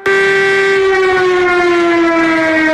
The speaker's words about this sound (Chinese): 上午9点整，宁德中心城区组织防空警报示鸣，伴随防空警报的鸣响声，宁德师范学院的学生党员、入党积极分子和学生代表在老师带领下全体肃立默哀，缅怀先烈，悼念死难同胞。